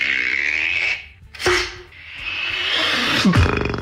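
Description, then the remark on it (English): A Berlin-based beatboxer uses just his mouth to imitate an arrow being shot: a long breathy hiss, a sharp percussive snap, another stretch of airy whooshing, then a final thud with a quick downward-sliding tone. No words are spoken. “Shooting an arrow.”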